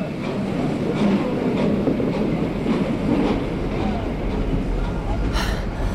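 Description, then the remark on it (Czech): A sleeper train to London rolls along steadily, its low, constant rumble filling the space while the wheels click and clack over the rail joints in a loose, repeating rhythm. “Dvakrát na lůžkový vlak do Londýna.”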